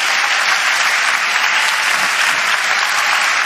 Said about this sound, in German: Ja, lass uns einstimmen in den Applaus mal kurz, bitte, was der Herr da ist.